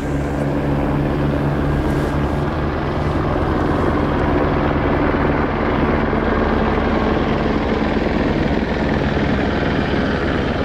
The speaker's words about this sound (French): Les hélicoptères pour les hôpitaux.